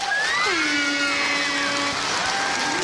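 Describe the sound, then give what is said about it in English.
A bright game show winning fanfare from The Price is Right for winning a new car. Sustained, layered brassy tones and a sliding note play loud over a continuous wash of cheering crowd noise for about three seconds. “Okay, that was Price is Right.”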